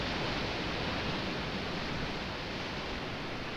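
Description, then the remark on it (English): A steady roar of ocean surf on a hot day, a continuous hissing wash of waves on a beach with no distinct individual crashes, fairly loud and unbroken throughout, with no voices. “It's a hot day, but that water is cool, and those waves are amazing.”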